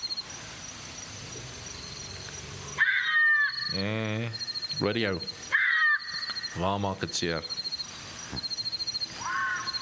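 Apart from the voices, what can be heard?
bat-eared fox calls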